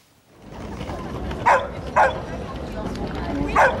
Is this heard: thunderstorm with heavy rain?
no